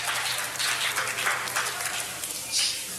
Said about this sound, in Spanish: Dale un aplauso de victoria al Señor. Él ya derrotó a Satanás. Él ya derrotó a los demonios. Dale ese aplauso de gloria.